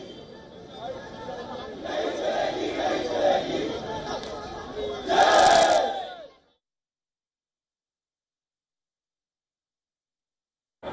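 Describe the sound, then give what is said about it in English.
A crowd of protesters at the Congress Party headquarters raises their voices in a continuous roar of chanting and shouting slogans in the early evening, swelling louder near the end before cutting off abruptly into silence. “About 15-20 minutes away from the protesting site at Jantar Mantar is the headquarters of the Congress Party, where sloganeering can also be heard right now in early evening hours, just after a press conference by Leader of Opposition Rahul Gandhi.”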